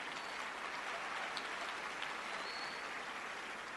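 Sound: half-hearted audience applause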